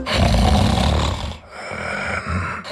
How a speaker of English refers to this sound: Sound familiar? Don't ignore the snore. Snoring and constant tiredness could be a sign of sleep apnea.